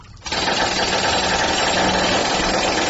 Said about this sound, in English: I mean, where do you get a jackhammer at 2:30 in the morning? This is crazy.